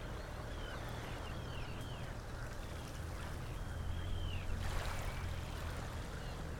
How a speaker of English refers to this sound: You may be able to hear a bit of a breeze in the birch trees here above me.